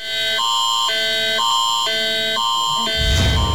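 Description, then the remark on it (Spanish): A loud mobile phone emergency alert tone, sounded at 11 a.m. for a national drill in Sinaloa, Mexico: a harsh two-pitch electronic signal alternating steadily about twice a second, ending in a brief rough noisy burst. “es un recordatorio, pero ojo, no se asuste, porque esto es lo que va a escuchar en su teléfono celular a las 11 de la mañana.”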